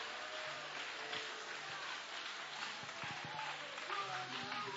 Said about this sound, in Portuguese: Levanta a mão, bate as palmas e dá glória.